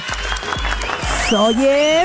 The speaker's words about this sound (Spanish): ¿Pero por qué pena, hombre? Al contrario, un aplauso.